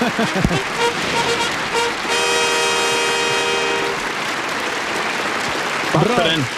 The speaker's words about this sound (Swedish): och med det ska vi fira med lite fanfarer och applåder. Yes! Raketer!